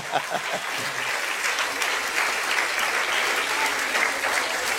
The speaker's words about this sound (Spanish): Denle un aplauso al Señor Jesucristo.